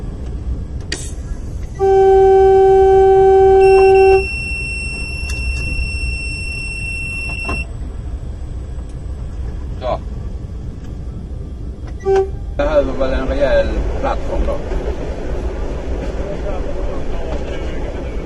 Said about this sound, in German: Ein Vertreter war wohl besonders stur und er wollte es wahrscheinlich darauf ankommen lassen. Er setzte unaufgeregt seinen Schienenweg fort. Das Signalhorn der Diesellok stört ihn offensichtlich überhaupt nicht.